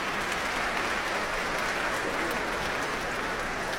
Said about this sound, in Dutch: Een applaus ook van de musici van het Concertgebouworkest. Even zwaaien naar het publiek. Halverwege de trap hier in het Concertgebouw.